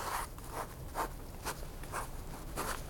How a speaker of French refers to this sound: Il cesse de parler, prend un morceau de papier et se met à y tracer quelques diagrammes.